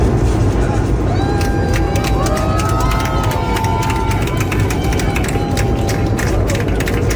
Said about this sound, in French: Faut imaginer l'affaire quand même, en plein ciel comme ça, et les gens qui applaudissent. Et elle l'avait pas enregistré, mais il paraît que même le pilote, semble-t-il, y était allé de quelques olé, olé, olé.